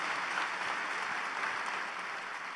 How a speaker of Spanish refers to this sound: Un aplauso a Dios por la vida de estos pastores, amigos.